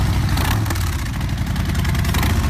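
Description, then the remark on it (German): A Harley-Davidson motorcycle engine idles, a loud, deep, steady rumble with a throbbing low pulse that holds constant throughout, with no voices. “Da geht jedem Motorradfan das Herz auf. Schon einmalig der Sound.”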